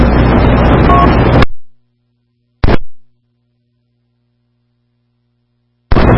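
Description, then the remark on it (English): Steady, rumbling car-interior road noise while driving out to get some food plays for about a second and a half, then cuts out abruptly. A faint hum and silence follow, broken by a brief burst of the same noise, with more returning at the end. “In the car, going out to get some food,”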